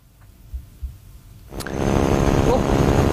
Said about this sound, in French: Nos auditeurs vont entendre un bourdonnement d'ailes, alors que ceux qui nous suivent en visuel vont voir une madame debout sur les ailes d'un biplan, sur les ailes d'un avion, ça n'a aucun sens. Qui fait des flips.